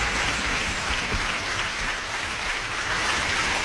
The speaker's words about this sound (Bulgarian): Възторжена е публиката в фестивалния и конгресен център във Варна и повече от заслужени са аплодисментите към изпълнителите тази вечер. Камерата Залцбург.